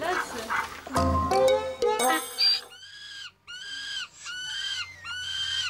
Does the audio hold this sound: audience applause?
no